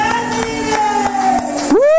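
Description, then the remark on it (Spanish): A worship audience claps loudly for the Lord in a steady, quick rhythm while a loud voice holds a long high shout that swoops upward at the end, with cheering mixed in. “¡Aplaudamos de fuerte al Señor!”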